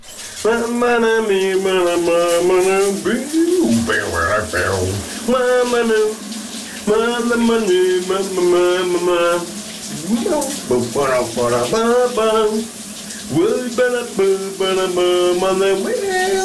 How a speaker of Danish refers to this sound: han har taget en mikrofon med i bad, og så synger han simpelthen dagens brusebad sit.